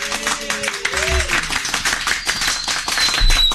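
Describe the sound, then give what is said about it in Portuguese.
A studio audience applauds at the close of the show, a dense wash of many hands clapping, with a few whoops and a voice briefly calling out over the clapping. “Eu quero encerrar de uma forma diferente hoje, com a plateia aplaudindo a gente, por favor.”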